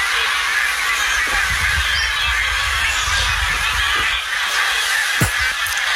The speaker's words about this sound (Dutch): De ganzen die overvliegen over onze camping. Wie, wat zegt ze? De ganzen. Oh, de ganzen! Ja, dat zijn er behoorlijk veel ook.